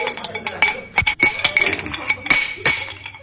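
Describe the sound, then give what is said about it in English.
A wrench clanks and scrapes against loose metal feeder pipes as they are tightened, a string of sharp, irregular clinks with a bright ringing tone, moderately loud and without any talking. “These pipes must be feeder pipes. Feel a little loose. Oh, here's a wrench. We'll tighten them up.”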